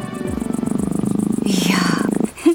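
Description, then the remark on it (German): A lion's low, rhythmic purring growl rumbles steadily for a couple of seconds as it is stroked, with a breathier rasp toward the end before it cuts off. “Der Löwe genießt es, wenn ich ihn streiche.”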